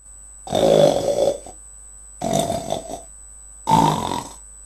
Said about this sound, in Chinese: 什么声音这么响？人们吓坏了，以为是妖怪来了。啊，原来是宝贝猪在打嗝呢。